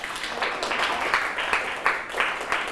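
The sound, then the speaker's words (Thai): A group of classmates applauds a student's answer during a classroom quiz, dense overlapping claps forming a steady crackling wash with small bursts of louder clapping throughout, moderately loud, with no talking over it. “เยี่ยมเลยครับปรบมือให้เพื่อนครับ”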